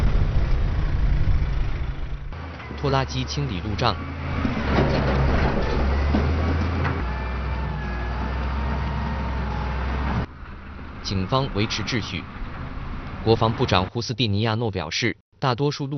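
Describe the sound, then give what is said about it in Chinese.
Engines of military armored vehicles rumble in a steady, loud low drone with grinding mechanical noise as they clear protest roadblocks from a road in El Alto, Bolivia, broken by short bursts of indistinct voices and clatter toward the end. “作业现场，装甲车开路。”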